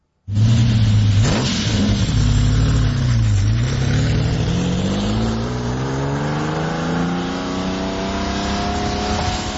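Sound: lamborghini Countach engine revving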